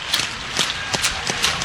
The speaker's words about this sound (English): Clapping behind the Beatrice native.